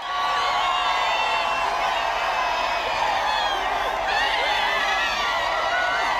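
A large crowd of faithful cheers and shouts continuously as Pope Leo XIV passes in the Popemobile on the Champs-Élysées in Paris, a dense wash of many voices with occasional higher whoops rising above the roar, steady and loud throughout.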